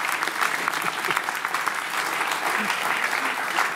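Steady audience applause for a musician from Würzburg, a dense crackle of many hands clapping at a fairly loud, even level for several seconds without letting up.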